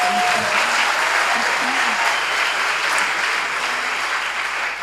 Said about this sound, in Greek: Και τέλος, ένα θερμό χειροκρότημα για το χορευτή μας